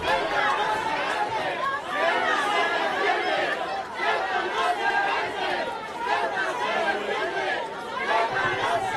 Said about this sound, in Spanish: El presidente del gobierno ha acudido a la 63ª edición de la Fiesta del Marisco en el Grove, donde ha degustado una tapa de pulpo y otros productos locales en un ambiente marcado por los abucheos y cánticos de un grupo de asistentes.